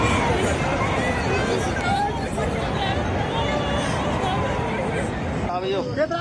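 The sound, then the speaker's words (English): A crowd of locals shouting and screaming in alarm as raging flood waters surge through villages in Nepal's Ruswa district, over a steady, dense roar that never lets up, with a few raised cries rising above the din toward the end. “What you can hear are chilling screams of locals where they witnessed firsthand the oncoming catastrophe.”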